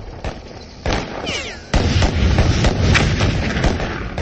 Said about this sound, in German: Eine Granate explodierte mit einem großen Funken, der überall Staub und Schießpulver aufwirbelte.